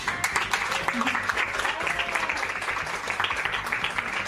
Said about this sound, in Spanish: Y para todos los colaboradores y todas las colaboradoras va este aplauso y este saludo de parte de Fray Rafael Foz.